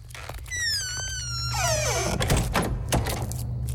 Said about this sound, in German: Am besten, du bleibst gerade hier und wir machen die Tür auch wieder zu und verriegeln sie.